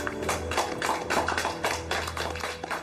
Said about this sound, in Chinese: 李卓然在掌声中站起身来。